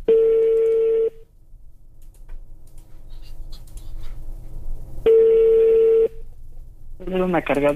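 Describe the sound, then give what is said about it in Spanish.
A prank phone call from a different line rings out: two long, steady ringback tones several seconds apart, with faint background noise between them. Nobody answers, and a recorded voice starts as voicemail picks up. “Chale, no contesta. Buzón de voz.”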